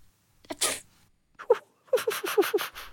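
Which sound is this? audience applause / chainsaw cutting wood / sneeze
sneeze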